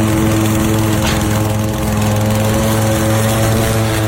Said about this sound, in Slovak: ale neznášam zvuk kosačky, keď hneď ráno kosia.